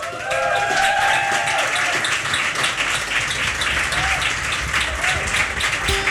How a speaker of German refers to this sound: Applaus!